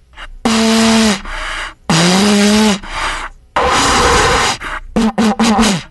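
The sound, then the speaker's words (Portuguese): Someone struggling to play a cornet blows into it as hard as they can in loud, breathy blasts: two wavering low held notes, a rough airy one without much tone, then a few short sputtering toots, heavy with rushing air. “Tô aqui soprando feito um louco.”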